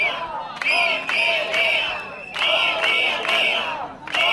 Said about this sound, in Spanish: Es el sonido de la protesta que está teniendo lugar allí en la puerta de la Consellería.